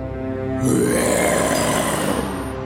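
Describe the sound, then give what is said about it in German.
A lion roars once, a loud, rough, low growl that swells in after a brief quiet moment and holds steady for about two seconds, with no talking. “Mit dem Brüllen des Löwen wurde die kleine Maus weit weg von ihm bewegt.”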